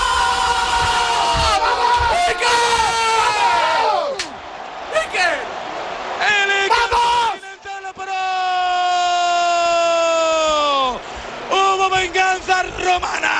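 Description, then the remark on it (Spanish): A triumphant, full-throated shout after goalkeeper Iker Casillas saves a penalty from De Rossi: loud, sustained yells held on long tones that break off and start again in several bursts, with what may be other voices roaring alongside. “Madre mía, qué grito soltó. Soltó toda la adrenalina.”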